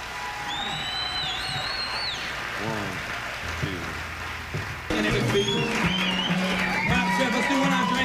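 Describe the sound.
An audience at a live music performance claps steadily for a musician after a song, in a dense, continuous patter, with a few high whistles and crowd voices mixed in; the applause swells louder about halfway through and holds to the end.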